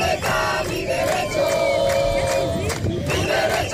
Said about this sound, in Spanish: Son los gritos de los manifestantes que entre numerosas banderas de España, Ceuta y Europa han marchado 2 kilómetros hasta llegar hasta la frontera del Tarajal, donde se han concentrado durante varios minutos custodiados por la policía.